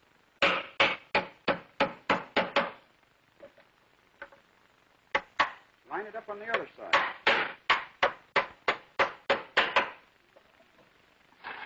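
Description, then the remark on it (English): A rapid series of sharp hammer blows driving nails into a wooden furniture piece, about eight strikes, then a pause with a man speaking briefly, followed by another long run of evenly spaced hammering; three nails on each side. “And we can well put in another nail. Three on each side.”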